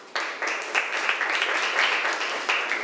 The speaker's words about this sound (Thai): โอเคถูกต้องค่ะปรบมือให้เพื่อนหน่อยค่ะ